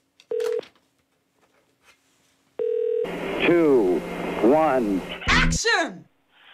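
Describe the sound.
Telephone dialing tones as a radio show phones its next listener: two short, steady electronic beeps with a pause between them, then a louder stretch of sweeping, voice-like sound as the call seems to connect.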